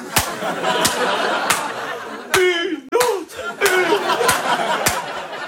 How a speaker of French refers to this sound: Alors quand quelqu'un fait bien son travail... Eh ben, j'applaudis.